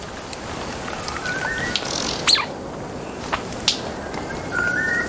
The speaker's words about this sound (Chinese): 现在是繁殖季，丛林中回荡着鸟儿们的鸣叫声，异常热闹。在茂密的丛林中，一只雄性白须交翁的鸣叫声格外引人注意。他想通过鸣叫向一只雌性示好